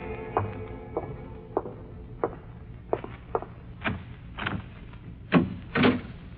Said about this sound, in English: Then I heard approaching footsteps.